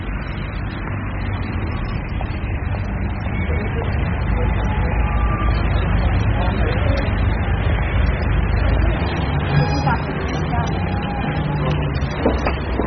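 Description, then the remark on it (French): A number 3 city bus pulls up with a deep, steady engine rumble and hiss, over continuous street noise and faint background voices, the low drone shifting as it comes to a stop. “Tiens, voilà le 3.”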